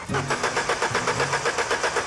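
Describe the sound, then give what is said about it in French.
A car engine cranks over as it tries to start, with a fast, steady chugging rhythm and a low mechanical hum, fairly loud throughout. “Il y a mieux comme bruit, mais bon, au moins, il est complet, ce moteur.”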